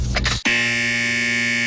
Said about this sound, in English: We've installed this 89 in a row buzzer.